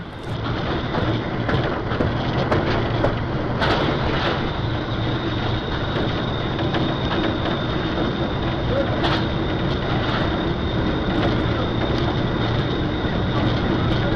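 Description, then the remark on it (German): A train runs steadily after leaving a station, heard from the locomotive driver's cab: a constant loud rumble and rattle with a low engine drone and occasional sharp clanks, no one speaking. “Jetzt einmal aus der subjektiven Perspektive des Lokführers. Gut zu erkennen, wie die Erschütterungen unsere Kamera beeinflussten, aber einzigartige Bilder, die wir Ihnen nicht vorenthalten wollten.”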